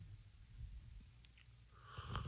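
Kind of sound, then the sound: food or drink, slurping coffee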